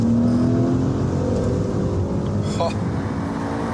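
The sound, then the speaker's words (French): The twin-turbo V8 engine of a Levante GTS SUV, rated at 530 horsepower and 730 Nm of torque, revs with a loud, deep, continuous rumble, its pitch climbing early on before settling into a steady throaty drone. “Alors ici, on a la version GTS, on a un V8 dopé par deux turbos qui fait 530 chevaux pour 730 Nm de couple.”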